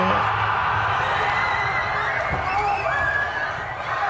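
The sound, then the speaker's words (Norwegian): Hundreds of thousands of people in the streets of central Oslo, Norway, roar in celebration of a goal, a dense, continuous wall of cheering with scattered high whoops and yells rising above it, steady and loud throughout. “Det her lyden av Norges hovedstad som går helt fullstendig av hengslene.”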